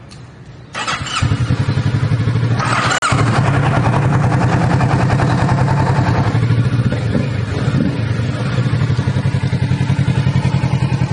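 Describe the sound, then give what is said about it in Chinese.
A motorcycle engine is started with its push start button. It cranks and fires up after a brief moment, then settles into a steady, loud, rhythmic idle with a low throbbing pulse and mechanical clatter. “它的 clutch， 它的 brake， cut off switch， engine push start button， 这个放手机的，给我们来开锁匙，我们 start 一下了哈。”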